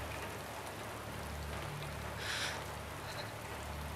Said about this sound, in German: Mama, es ist nur Regen. Es regnet nur.